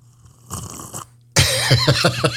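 A short, softer slurp followed by a louder, longer wet slurping burst with gurgling, wavering tones and a few sputtering pulses; no one is talking.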